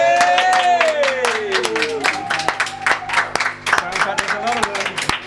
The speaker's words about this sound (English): Maybe our engineers might open the door and do the usual, where I ask them to lend their applause to the live performance.